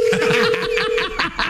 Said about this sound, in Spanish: Deja que timbre primero el teléfono.